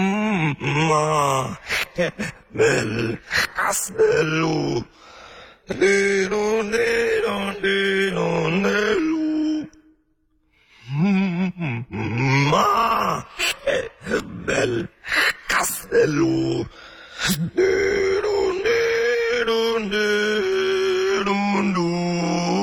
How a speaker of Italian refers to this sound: portare all'interno di questo mondo questa tipologia di voci, come fa anche nell'esempio che sentiamo tra poco, che sono le criptomelodie infantili.